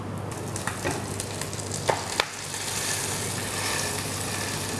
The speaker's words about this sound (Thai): ในตำราของนักเรียนอาหารฝรั่งเขาจะบอกเอาไว้ว่าเวลาเอาปลาลงแล้วเนี่ยให้กดปลาไว้สักพักหนึ่งเพื่อที่ว่าหนังจะได้แนบสนิทไปกับตัวกระทะ